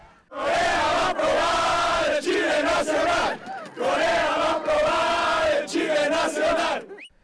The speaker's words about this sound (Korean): 경기장을 빠져나오는 멕시코 축구 팬들이 YTN 취재진을 향해 격한 축하 인사를 건넵니다. 코리아! 코리아! 마치 자국 축구팀이 승리한 듯 광장을 떠나지 않고 방방 뛰며 응원 구호를 외치는 멕시코 축구 팬들.